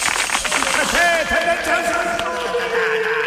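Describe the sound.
An audience applauds steadily, a dense wash of clapping that holds at an even level throughout, with voices and cheers rising over it.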